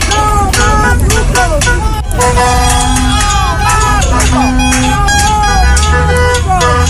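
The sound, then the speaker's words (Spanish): Car horns honk over and over from passing drivers joining a night-time street protest with pot-banging and burning tires in Curicó, overlapping in long sustained blasts amid a loud, dense street crowd with voices and traffic noise filling the background. “Esta protesta incluyó el incendio de neumáticos, o más bien el encendido de neumáticos, y también cacerolazos, los que fueron acompañados por bocinazos de los conductores de vehículos que circulaban por el sector.”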